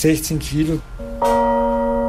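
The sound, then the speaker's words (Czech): A single deep strike of a newly cast bronze bell rings out loud after a moment of speech, its layered tones humming on steadily without fading. “Když nový zvon poslouchá Johannes, tak rozhodně neslyší to stejné, co já. Já vnímám jediný hluboký úder.”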